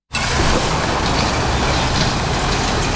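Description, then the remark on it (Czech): A loud, steady roar of heavy machinery, with loose backfill material pouring onto a running belt conveyor in a dense, continuous rumble and no pauses or voices. The material, sprayed with water against dust, is loaded to backfill a shaft of the closing ČSM black-coal mine in the Karviná region, Czech Republic. “Teď nakládáme zásypový nesplněný materiál na pásový dopravník.”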